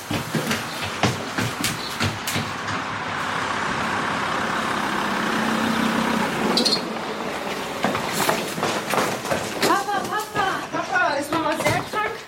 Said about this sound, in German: Da kommt dein Auto auf den Hof gefahren. Ja, Papa ist da.